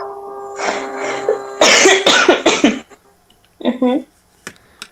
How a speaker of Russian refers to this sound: Извини, ты немножко приболела? Да и слегка кашляю.